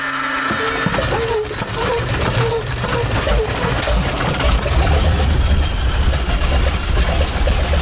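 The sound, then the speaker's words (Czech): The engine of a yellow Čmelák crop-duster airplane cranks and catches, then settles into a loud, steady idle with a deep rumble and a rough, sputtering texture throughout. The plane drops wasp eggs over cornfields to fight the European corn borer; calm, windless early morning. “Ze žlutého letadla typu Čmelák zhazuje do polí vajíčka vosičky, která hubí škůdce zavíječe kukuřičného.”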